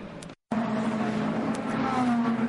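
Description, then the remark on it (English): The engine of the number 36 Alpine race car, driven by Jules Gounon and running third, drones steadily and loudly as it rolls into the pit lane for a driver change, its pitch creeping slightly higher, with a brief cutout near the start and no talking. “Into the pits comes one of the two Alpines, the 36 Jules Gounon driven car, which was third, and it's going to get a driver change as well.”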